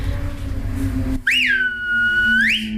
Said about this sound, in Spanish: Pero sí es verdad que, no sé por qué, aprendí a silbar así, con toda la mano en la boca, pero siempre me pareció más chulo, yo silbo con estos dos, corazón y anular son estos.